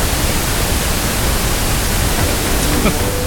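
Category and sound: signal or alarm, pink noise test signal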